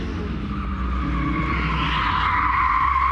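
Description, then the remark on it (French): A rally car's tires skid and squeal continuously with zero grip over a loud engine drone, the high screech rising and intensifying toward the end with no voices. “Par contre, il y a zéro adhérence pour le moment.”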